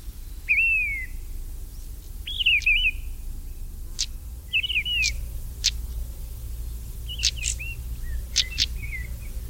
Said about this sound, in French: puis la grive de Rennes, la plus grosse de nos grives, avec son très très beau chant mélancolique.